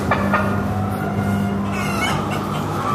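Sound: chickens clucking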